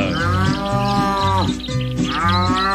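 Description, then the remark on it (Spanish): A cow moos loudly in two long, droning calls, the first sliding down in pitch before a brief dip and the second rising again, while being milked into a bucket by a man in a raincoat on a stool, in the rain in rural mountainous Antioquia; no one speaks. “no le importa que esté lloviendo, él allá con su impermeable sentado en el butaquito, con el balde ordeñando a la teterona.”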